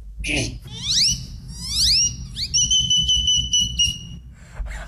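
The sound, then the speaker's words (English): A person whistles an imitation of a great-tailed grackle: two rising, sliding whistles followed by long, steady high-pitched tones, clear and fairly loud over a low background rumble. “I saw this great-tailed grackle, then I mimicked the great-tailed grackle and mimicked other birds from then.”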